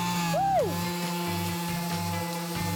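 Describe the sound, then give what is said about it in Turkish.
A power sander runs steadily, sanding a wooden door as the final step of its production, its electric motor whining with a hum of strong tones and a brief dip and rise in pitch near the start, fairly loud. “şu anda kapımızın son işlemi olan ahşap üretiminde zımpara işlemini gerçekleştireceğiz.”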